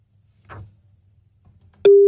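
A loud, steady electronic beep tone starts abruptly near the end and holds, the beep of a phone voicemail after its greeting, preceded by a brief muffled noise and faint low hum.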